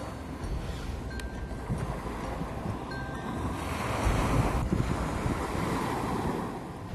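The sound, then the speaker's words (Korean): Steady roar of East Sea waves washing in continuously where the Namdaecheon river meets the sea, with broad surf noise swelling slightly louder midway and some wind buffeting; no one speaks. “남대천은 동해바다와 만납니다.”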